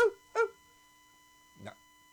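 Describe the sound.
A person imitates a small, groomed pet-shop poodle yapping: two sharp, high yaps in quick succession, then a pause and a third, lower and softer yap, fairly loud.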